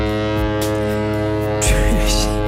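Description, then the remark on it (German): A deep, droning foghorn blast from a passing ship in Norway, sounded by a man aboard and waking a polar bear, holds a steady, buzzy low tone throughout and swells louder about two-thirds of the way in, with faint voices beneath it. “Ein Typ auf einem vorbeifahrenden Schiff in Norwegen hat aber einfach mit einem Nebelhorn einen Eisbären geweckt.”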